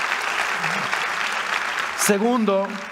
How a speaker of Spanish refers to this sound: Vamos, si vas a aplaudir, hazlo con ganas, iglesia. Involúcrate.